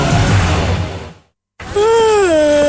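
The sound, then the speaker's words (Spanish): A person yawns loudly: a long breathy inhale, a brief pause, then a drawn-out voiced groan that wavers in pitch and trails off. “Ay, ¿tanto bostezo tú?”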